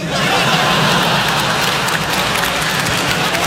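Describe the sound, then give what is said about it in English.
A crowd applauds loudly and steadily, a dense wash of many hands clapping that holds evenly for a few seconds without building or fading. “Weird. Weird applause.”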